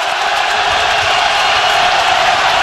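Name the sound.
stadium crowd cheering loudly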